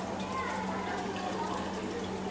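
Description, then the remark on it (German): Liquid is tipped out of a small test vial, leaving 5 millilitres for a water test, giving a brief, steady splashy trickle over a constant low hum, with faint voices in the background. “Kannst du dann so ein bisschen auskippen.”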